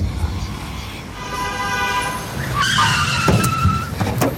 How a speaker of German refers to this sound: Was soll das? Pass doch auf, du Idiot. Du hättest mich fast überfahren. Ich dachte, es gibt schon längst keine Autos mehr in Berlin.